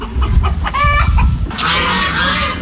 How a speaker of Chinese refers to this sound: 走进密云区密园小农合作社的如新农场，鸡鸣鹅叫声此起彼伏